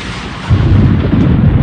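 A loud crash of thunder, a sound effect, swells after a brief moment into a deep, sustained rumble that fills the low end, alone with no voices.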